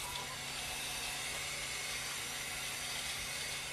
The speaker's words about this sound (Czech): Ano, ano, teď se nás pustilo automatické dopouštění vody. Vevnitř se nachází nádrž na 200 litrů a k tomu je připojeno a automaticky to spolu komunikuje, tak je vozík, na kterém je 1000-litrová nádrž na vodu. Teď právě můžeme slyšet, že se dopouští.